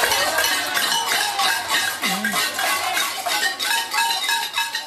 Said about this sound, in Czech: místní obyvatelé zapálili na několika místech barikády a protestovali proti vývoji této situace také tradičním latinskoamerickým způsobem, boucháním do hrnců.